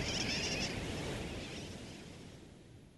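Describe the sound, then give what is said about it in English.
A dense chorus of sooty tern calls, many birds squawking at once like a busy colony, with a harsh steady clamor that slowly fades toward the end. “Some say sooty terns derive their nickname wide awake from the kerwacky-whack or wacky-whack of their calls.”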